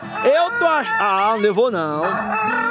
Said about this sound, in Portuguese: Coloca o galo para acordar todos.